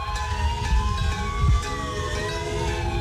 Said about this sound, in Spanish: Empieza el homenaje en Cali, escuchan ustedes las sirenas, las campanas, las bocinas de los carros. exactamente 7:34, un mes después del terremoto.